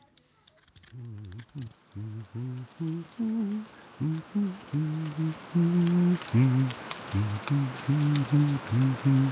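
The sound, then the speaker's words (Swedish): Steady rain patters across the whole stretch, a soft crackling hiss, while a gentle melodic tune plays over it in short repeated notes. No one speaks. “Ibland promenerar vi, även om det regnar.”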